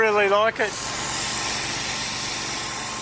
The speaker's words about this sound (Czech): Při práci používají podle kamenosochaře Bohumila Pánka vysokotlaký čistič.